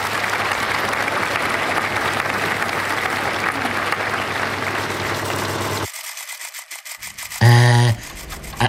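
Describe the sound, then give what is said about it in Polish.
A crowd applauds with dense, steady clapping for about six seconds before it thins out, followed by a short, loud buzzing tone near the end. “No, poza tymi brawami, bo kiedyś sam biłem brawa, kiedy obejrzałem teatrzyk w naszym przedszkolu.”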